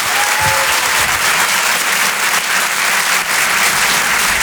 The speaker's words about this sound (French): Je vous demande de l'applaudir très très fort s'il vous plaît.